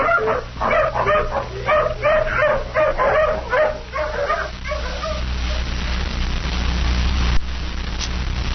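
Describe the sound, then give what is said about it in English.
A hound tracking a scent bays and whines in a quick, eager series of yelping barks for about four seconds at the foot of a cliff where it has lost the trail, then falls quiet, leaving a low steady rumble of background noise. “Dog's lost the trail again at the foot of this cliff.”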